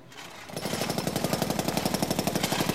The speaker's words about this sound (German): Jetzt bauen sie da schon wieder etwas nach. Ach, erstaunen Sie, was? Jetzt ist da der ganz Starrenberg voll mit Kliniken. Da ist das auch eine Klinik, Herr Doktor, was da gebaut wurde. Ja, das gibt auch eine Klinik.